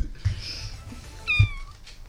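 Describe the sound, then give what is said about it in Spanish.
A single high, thin kitten meow, imitated by a person, rises and falls over about half a second, clear, with a little low background rumble and no talking. “Les voy a mostrar tres sonidos de animales. El primero es el gato bebé.”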